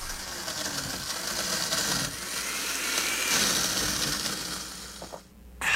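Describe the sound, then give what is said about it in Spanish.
A blender whirs steadily, its motor grinding through ice with a gritty, churning roar as it mixes a Café 1820 Frozen Cappuccino with ice and water, shifting in pitch midway, then cutting off abruptly near the end. “Escucha eso, no es cualquier café.”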